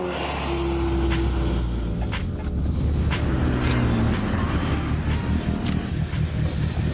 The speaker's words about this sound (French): Il a un Opel Speedster.